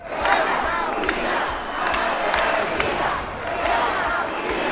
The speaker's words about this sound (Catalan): Els crits en favor d'Espanya, les banderes i càntics contra el president Pedro Sánchez protagonitzaren la cita.